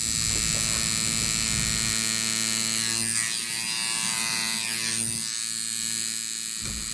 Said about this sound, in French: Ça sonne un petit peu comme une toute petite perceuse, comme un bébé perceuse. C'est très désagréable. Ouais, j'entendais Alice, oui, exactement, ouais. Le dermographe.